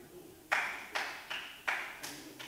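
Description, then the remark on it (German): Brief applause from spectators in the public seating of a council chamber: about six sharp, ringing claps at a steady, moderate pace, each with a short echoing tail, with no voices over them. “Es bitte darum, um Beifallsbekundungen aus dem Zuschauerraum davon abzusehen.”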